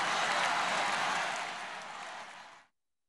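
A crowd in Ceuta applauding during a royal visit by the King and Queen of Spain, a dense, steady wash of clapping that holds strong for about two seconds, then thins slightly before cutting off abruptly. No voices stand out.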